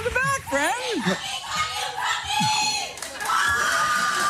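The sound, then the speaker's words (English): A lively audience shouts and cheers throughout, with high-pitched whoops and overlapping excited voices forming a loud, dense wall of noise. “People come out and they come out loud.”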